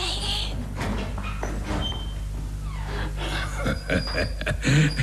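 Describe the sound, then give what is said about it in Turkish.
A door being opened late at night, with a series of clicks, knocks and rattling handling noises spread across a few seconds over a low steady hum. “Konu komşu duymadan aç kapıyı.”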